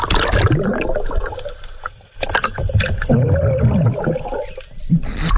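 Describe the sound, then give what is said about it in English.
Muffled underwater commotion during a dive: continuous bubbling and churning water with a few dull thumps and splashy bursts, as a sea turtle tussles with and slaps a diver, fairly loud throughout. “he had a bit of a run-in with a sea turtle. So have a listen to what happens to Chris.”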